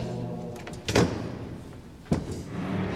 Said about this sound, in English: knock, knock.